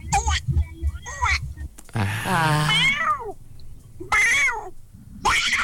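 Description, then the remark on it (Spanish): A child's voice imitates a fighting cat, letting out several drawn-out, wavering yowls and screeches in close succession, loud, with brief gaps between the cries. “Es un gato. Pero peleándose.”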